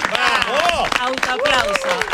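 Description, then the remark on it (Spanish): Scattered applause from a small group welcoming the actress Clara Ulrich as she arrives, with excited voices calling out over the clapping throughout. “Como corresponde a la señora Clara Ulrich, que viene, fuerte el aplauso.”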